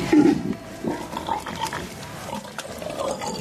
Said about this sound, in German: Die wilden Schweine.